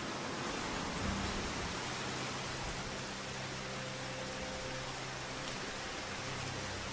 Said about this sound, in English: As tropical showers are hardly pleasant